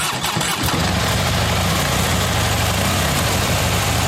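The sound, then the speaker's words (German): A Harley motorcycle engine sputters to life with a few uneven bursts, then settles into a loud, deep, rumbling idle with a steady low throb and no voices, at the Harley Days biker meeting on the Großmarkt grounds in Hammerbrook. “Es sind wieder Harley Days. Die Biker treffen sich von Freitag bis Sonntag in Hammerbrook auf dem Großmarktgelände.”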